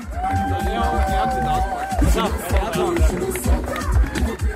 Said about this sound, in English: So beautiful to see the youth them being so confident to walk on the red carpet. You see what we do? Give applause for the youth.